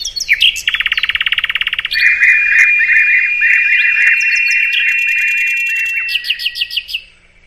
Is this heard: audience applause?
no